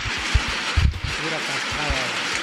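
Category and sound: nature, heavy rain falling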